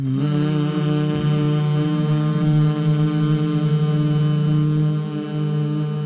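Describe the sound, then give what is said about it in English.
Three former politicians from different political parties hum together in one steady, sustained low tone as an experiment, the blended voices holding a rich drone for several seconds without any words. “Let's take a deep breath together and a hum.”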